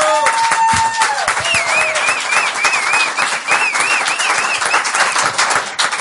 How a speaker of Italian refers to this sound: Un altro applauso!